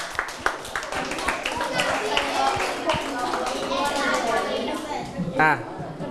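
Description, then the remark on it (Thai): A classroom of students claps together for group 1, the group whose population guesses came closest, in a quick, uneven patter of many hands that keeps going for several seconds, with children's voices chattering underneath and a brief raised voice near the end. “อ่ะปรบมือให้กลุ่มนี้หนึ่งหน่อย”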